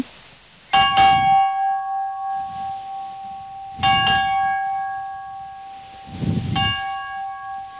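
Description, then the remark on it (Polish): A ship's bell, struck by a sailor aboard the ship Błyskawica to ring the 'glasses' that mark the time, rings out clearly in a striking pattern: two quick double strikes followed by a single stroke, each clang ringing on and slowly fading, with no one talking. “na koniec tego naszego spotkania dzisiaj na Błyskawicy pan marynarz specjalnie dla nas wybił tak zwane szklanki, więc posłuchajmy tych szklanek i spytam cię potem, która to godzina.”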